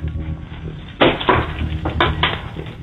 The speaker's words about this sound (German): Und das beweist uns einmal bitte, indem du dir einen Schlüssel schnappst und den so klimperst. Okay, ich gehe jetzt vom Wohnzimmer in den Eingangsbereich. Ich mache jetzt die Schublade auf, wo die Schlüssel drin sind und...